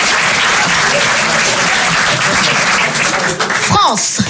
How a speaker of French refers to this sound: Voilà. Voilà. C'est des applaudissements.